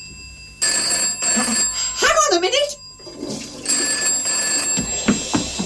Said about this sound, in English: The phone's ringing.